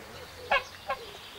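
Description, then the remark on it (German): Two short, nasal goose honks from escaped geese at the pheasantry of a wildlife park, the first stronger and the second a bit softer, spaced under half a second apart, against a quiet outdoor background with no talking. “Stefans Gänse kennen offenbar kein Halten und sind schon wieder ausgebüxt.”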